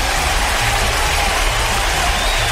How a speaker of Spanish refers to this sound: Un aplauso para ellos.